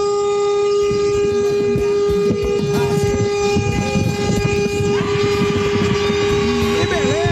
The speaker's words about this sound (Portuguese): Aí, nossa senhora. Esse buzinou que não tá nem aí pra nada na vida, né?